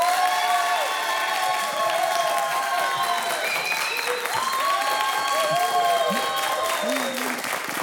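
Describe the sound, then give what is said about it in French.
A crowd applauds loudly and steadily as a vote by applause on keeping octopuses or whales, dense clapping mixed with scattered whoops and shouted cheers rising over it. “Et ça va être à l'applaudimètre.”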